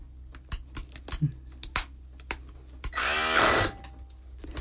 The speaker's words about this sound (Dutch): Dus nu zal ik eventjes met die mixer in die kikkererwten gaan en kijken voor dat een beetje te mixen.